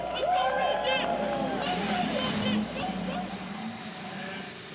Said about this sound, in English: Thirty-three engines roar to life as we prepare for the 104th running of the Indianapolis 500-mile race.